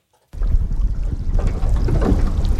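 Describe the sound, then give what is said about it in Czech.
A sightseeing boat rocks at the mouth of the Jakobshavn fjord near Ilulissat, Greenland, with pieces of ice floating all around: steady low rumbling boat noise, wind buffeting the microphone and faint water sloshing, starting abruptly after a brief silence and continuing loud and constant throughout. “Naše vyhlídková loď se pohupuje v ústí Jakobsenova fjordu a všude kolem plavou kusy ledu.”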